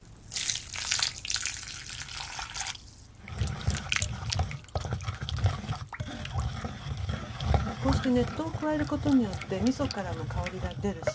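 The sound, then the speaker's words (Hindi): Hot water, 500 millilitres added in two parts, is poured steadily for about three seconds into a bowl holding a mixture of sesame seeds, fish and miso paste. It makes a hissing rush, followed by softer splashing and stirring, with a voice murmuring in the background. “इस मिश्रण में 500 मिलीलीटर गर्म पानी दो भागों में डालिए।”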